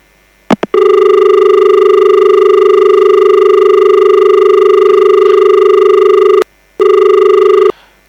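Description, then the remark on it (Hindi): A telephone rings for an incoming listener's call to a radio programme, a loud, steady electronic tone held for several seconds, then a brief pause and a shorter second ring. A couple of quick clicks come first, and no one speaks. “Doctor साहब की श्रोता का फोन कॉल है, सुनते हैं पहले एक कॉल।”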